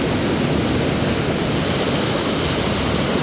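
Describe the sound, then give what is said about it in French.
A steady, full roar of surf with breaking waves washing continuously just behind a few small islets, under a cloudy sky, loud, with no distinct pauses between surges and no voices. “Juste derrière, c'est le ressac des vagues.”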